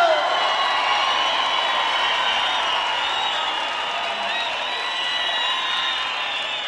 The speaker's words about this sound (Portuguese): Cadê os aplausos?